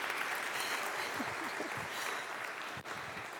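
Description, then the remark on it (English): A church audience applauds to greet the newest member of the family of God, a dense wash of clapping that stays loud and even throughout, with faint voices and cheers mixed underneath and a brief dip near the end. “greet the newest member of the family of God with our applause.”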